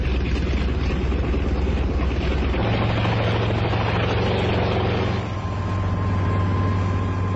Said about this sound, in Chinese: 直升飞机拔地而起，向远方飞去。